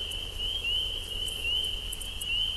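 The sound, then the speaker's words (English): Frogs call before dawn in a steady, high-pitched chorus that runs unbroken throughout, over a low background rumble, with a few faint higher chirps now and then; picked up by a feeder cam at a Cornell laboratory in Ithaca, New York. “This is Frogs in the Pre-Dawn from a feeder cam at the Cornell Laboratory for Mythology in Ithaca.”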